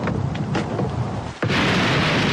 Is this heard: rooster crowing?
no